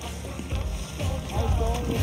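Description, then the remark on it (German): A kayak glides through water with steady sloshing and splashing, wrapped in gusty wind rumble and broad outdoor noise; a faint voice may be present in the background. “Oh yeah, nicht surfen, nur mit dem Kajak.”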